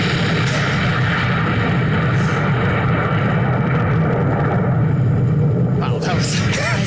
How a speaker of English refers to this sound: That's it. It's just a long, A long explosion. A long explosion that trails out over time.